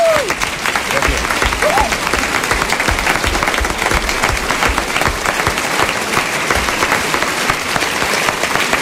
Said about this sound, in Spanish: Un aplauso para los actores que han hecho posible esta representación como Robinson Crusoe.